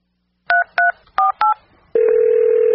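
Four short, evenly spaced telephone keypad beeps, each a bright two-note dual tone, followed by a loud steady telephone tone that holds to the end. No one speaks.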